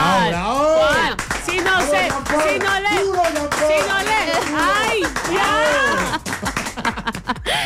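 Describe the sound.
A crowd applauds steadily with dense, continuous clapping while several voices talk and call out loudly over it, the clapping thinning briefly near the end before picking up again.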